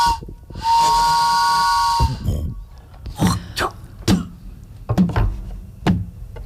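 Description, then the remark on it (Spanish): A distant steam train: a long, steady whistle with hissing steam lasts over a second, followed by a few heavy, irregular chuffs and bursts of steam as it pulls in. “A lo lejos se escucha un tren llegar y un viejo forastero bajar de él.”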